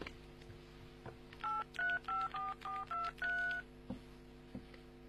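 A number is keyed into a mobile phone to call 803: about seven quick dual-tone beeps, steady and evenly spaced, over a low background hum, with a couple of soft clicks afterward. No one speaks.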